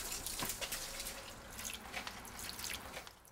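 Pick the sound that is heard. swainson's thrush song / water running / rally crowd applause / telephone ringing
water running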